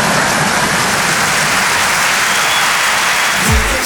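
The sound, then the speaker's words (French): A crowd applauds in a dense, steady wash of clapping that stays loud and even throughout, with no voices standing out. “Non, n'applaudis pas, tu sais pas ce que je veux dire.”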